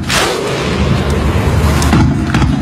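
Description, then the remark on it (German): Icelandic football fans' thunderclap at the 2018 World Cup: a huge crowd claps in unison, each heavy, booming clap landing about a second apart over a deep, rumbling roar from the stands. “Und jetzt hat Norwegen das Klatschen der Isländer einfach mit Rudern ausgetauscht.”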